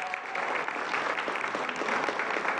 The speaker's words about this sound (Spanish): Y empezamos dándole un aplauso, por favor, de la Ciudad de México